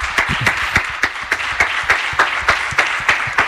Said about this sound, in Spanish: Esto no es muy habitual, los compañeros de los medios aplaudiendo a Antoine Griezmann.